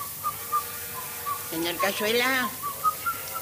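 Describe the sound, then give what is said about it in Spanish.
A man leaning on a railing, smoking nervously, whistles a tango melody softly, short clear notes repeating at a steady pace, briefly interrupted midway by a voice before the faint whistling resumes. “Apoyado en la barandilla, harto del paisaje, fuma nervioso y silbando un tango, espera.”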